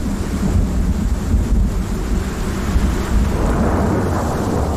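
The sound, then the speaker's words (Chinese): Deep, continuous rumbling thunder rolls on with steady rain hissing over it, a heavy storm sound that stays loud throughout with no voices present; an approaching violent storm bringing a heavy downpour. “远处厚重的云层预示着即将到来的灾难，一场瓢泼大雨。”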